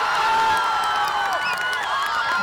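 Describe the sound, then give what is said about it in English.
A dense roar of crowd cheering at the FIFA World Cup fan zone in Washington, D.C., with overlapping shouts and whoops rising above a steady, loud wall of voices and no pause throughout. “Matthew Torres takes us into the FIFA fan zone.”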